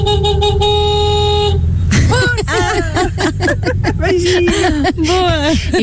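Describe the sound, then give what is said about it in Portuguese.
A woman in traffic honks her car horn in one long, loud, steady blast lasting over a second, then it cuts off as animated voices start talking over low traffic rumble. “apesar de estar longe, eu posso ser solidária aqui com umas buzinas delas.”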